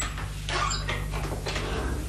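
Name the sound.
door being opened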